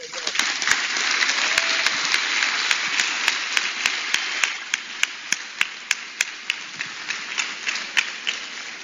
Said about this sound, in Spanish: Den un aplauso, señor.